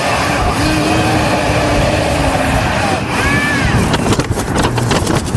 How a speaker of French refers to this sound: Il sort ensuite devant chez lui et quelques secondes plus tard, au bout d'un fil, eh bien ses courses tombent littéralement du ciel sous le regard médusé de ses voisins âgés. Vous avez vu ces trucs ? La livraison par drone ?